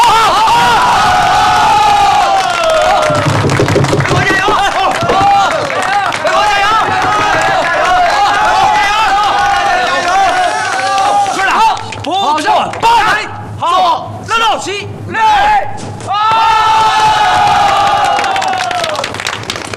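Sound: crowd screaming and cheering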